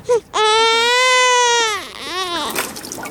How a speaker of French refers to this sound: Si on avait enregistré un bébé qui pleurait.